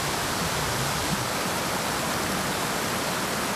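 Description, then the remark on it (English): Steady rushing of a year-round mountain creek in the foothills of the Dead Mountains, a dense continuous wash of water with no pauses, fairly loud, with no voices present. “Creeks and rivers flowing all year round are the dipper's habitat.”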